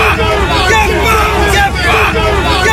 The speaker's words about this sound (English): This is the sound of hundreds of protesters gathered in Gosport just 1 month ago.